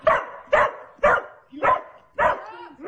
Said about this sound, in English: When he sees me get out the Rough Greens, he starts barking. Ruff, ruff, ruff.